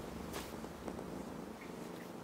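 A cat purrs in a soft, steady low rumble that continues without a break, fairly quiet, with a few faint rustles over it and no talking.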